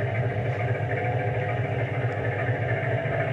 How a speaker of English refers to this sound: Skipper! Skipper, reverse the engine!